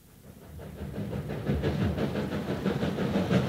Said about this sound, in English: The train arrived in Gleninnis at 4 that afternoon. There was no one at the station to meet me.